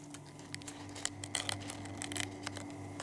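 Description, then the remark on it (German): Crisp, irregular crunching of crispy chips made in Denmark from jellyfish after 2 days in alcohol and in a dryer: a quick series of sharp crackly bursts over a steady low hum, with no voices. “Man hört, dass sie knusprig sind.”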